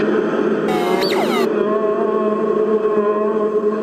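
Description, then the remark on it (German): A brief squeaky, whistling burst rings out and its tones linger on, echoing and reverberating through a large, resonant room for several seconds with no one speaking. “Da hören Sie das Echo.”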